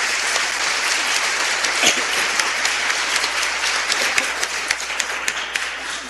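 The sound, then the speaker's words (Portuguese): A crowd at a parish centenary celebration applauds steadily for about six seconds to welcome and thank visiting guests, a dense wash of many hands clapping at even loudness with occasional sharper individual claps standing out. “Vamos acolhê-los, mais uma vez agradecê-los com uma salva de palmas.”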